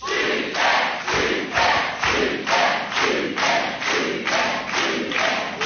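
A TV game show studio audience cheers and shouts in loud, steady rhythmic bursts, almost like a chant, with roaring crowd noise throughout and no single voice standing out.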